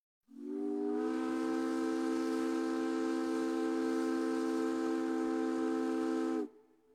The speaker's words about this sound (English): Did you know that Puget Sound ferry captains once navigated in the fog using echoes from their steam whistles?